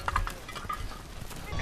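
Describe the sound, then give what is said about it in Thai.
A flock of sheep returning home from grazing as the sun sets bleats in short, overlapping calls that come and go, over a steady outdoor rumble. “ตะวันเริ่มคล้อยต่ำลงแล้วได้เวลาที่ฝูงแกะที่ออกไปหากินต้องกลับบ้าน”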